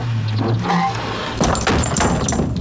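A door is pushed shut partway through, giving a short cluster of wooden knocks and a thud over a steady low background hum.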